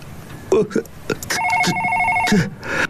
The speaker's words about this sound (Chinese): 正说着，办公桌上的电话响了，唐汉民一惊，回头看着电话。温娜得意地笑笑。 先接电话吧，然后再决定要不要报警。